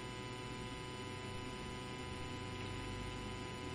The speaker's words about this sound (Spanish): ¿Qué es eso? No, yo creo que son los ventiladores, ¿no? Pero se escucha, ¿no?, así como una vibración medio extraña. Se escucha, ¿eh? No, sí. Ajá, se escucha una vibra.